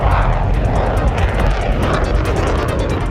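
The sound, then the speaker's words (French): A powerful, sustained roar of a steam catapult violently releasing steam to launch an aircraft, with heavy low rumble and a hissing, jet-like rush that stays loud throughout, pulsing slightly. The catapult is linked to its own nuclear reactor and has a 54-cubic-metre steam reservoir. “Là, on va avoir vraiment comme des shoots d'appel de puissance où il faut libérer de la vapeur de façon assez violente pour propulser un avion.”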